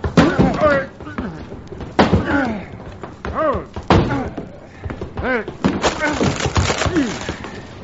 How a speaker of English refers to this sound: Someone's banging on that closet door